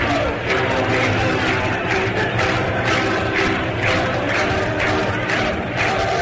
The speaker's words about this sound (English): Chorus of na-na goodbyes sneaking through the crowd, getting louder and louder as the fans start to catch on. And these fans, 45,919, are really trying to help this ball club.